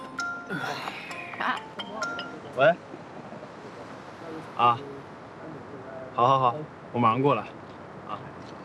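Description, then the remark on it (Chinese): Glasses clink together in a toast at a shared meal, several bright ringing taps scattered over a few seconds, a couple in quick pairs, with people talking around them and calling out toasts in Mandarin. “干杯！ 干杯！ 最后，我敬大家一个，庆祝咱们炫导成功迈出第一步。”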